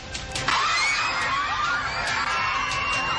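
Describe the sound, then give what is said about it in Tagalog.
Schoolchildren at an elementary school in Malita, Davao Occidental, Mindanao, scream and shout loudly and continuously during a magnitude 7.8 earthquake on the first day of school, high-pitched voices overlapping in a dense, panicked din with sharp rising and falling cries throughout. “malingaw-ngaw ang hiyawan ng mga batang mag-aaral ng Mahayahay Elementary School sa Malita, Davao Occidental, habang ramdam din ang matinding paggalaw ng lupa.”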